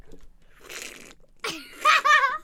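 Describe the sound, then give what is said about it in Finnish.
Someone drinks water in an odd, exaggerated karate-style way: a breathy slurping hiss, a short pause, then loud strained vocal bursts like forceful gulps or grunts. “… karate-jengin vesijuominen kuulostaa kans hyvin harvinaiselta.”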